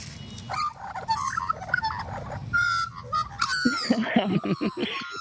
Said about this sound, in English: It's got to be any Australian bird. But especially a soft spot for the Maggies and the Butcher Birds.